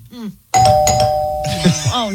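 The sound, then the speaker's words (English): A doorbell chime in an Amazon grocery commercial rings out sharply after a moment of speech, its clear, sustained tones ringing on while voices keep talking over and around it. “But when her dog hears it, the dog goes straight to the door thinking someone's at the door.”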